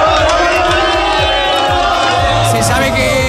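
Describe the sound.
A large crowd of football fans in Madrid cheers and chants loudly and continuously as they welcome the Spanish national team, whose plane has just landed. A dense roar of many voices with rhythmic shouts rising through it.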